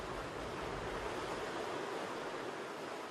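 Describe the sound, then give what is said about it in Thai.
Powerful ocean surf roars against black rocks in a dense, continuous wash of noise, loud and steady for the whole stretch with no distinct breaks between waves and no voices. “เกลียวคลื่นอันทรงพลังคือบททดสอบที่ยิ่งใหญ”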